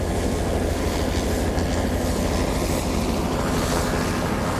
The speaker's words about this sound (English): The helicopter makes a few circles around the lake to keep a close eye on the cub. Then they make a landing, scoop the cub up, gently sedate it, and fly it over to where Mom is.